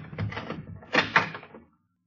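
door being opened

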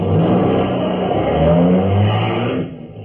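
car engine revving

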